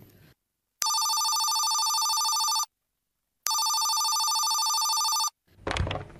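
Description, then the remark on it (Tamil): A telephone ringback tone from an outgoing phone call sounds twice, each steady electronic ring lasting about two seconds with a pause between, clear, followed by a brief rustle. “Phone போட்டா போட்டா.”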